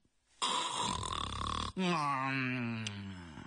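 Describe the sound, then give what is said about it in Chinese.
A man's voice imitates a loud snore: a harsh, rattling inhale lasting over a second, then a long droning, whistly exhale that trails off. “打声呼噜了。”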